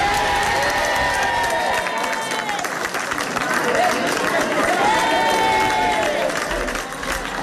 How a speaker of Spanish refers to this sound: Los vecinos de este último municipio han recibido con un clamoroso aplauso este anuncio. Aldea del Fresno comienza la desescalada a partir de las 5 de la tarde.